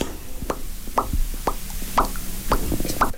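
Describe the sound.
A voice makes a series of about six hollow mouth pops, evenly spaced roughly every half second, each a short, bright plop with a brief resonant ring, with no talking.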